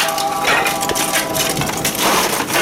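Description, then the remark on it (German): A wood fire being lit shortly after 5 a.m. in a pit in the floor of the open smoke kitchen at the Alpbret Wangi to prepare for cheesemaking, with a steady, dense crackle and snapping of kindling that stays loud throughout, sharp little pops scattered over a rough, rustling bed of sound. No one speaks. “Sie macht morgen kurz nach den 5 Uhr alles parat für das Käse. Das heisst in ihrem Fall ein Feuer machen.”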